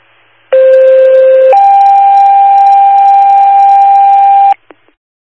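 Loud two-tone fire dispatch alert over a radio for an abdominal pain call on State Road 365: a steady lower-pitched tone for about a second, then a higher sustained tone for three seconds, ending with a brief click.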